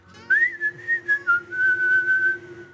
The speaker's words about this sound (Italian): Un bel siful, si dice da queste parti, c'è un bel fischio. No, devo farlo da lontano, aspetta.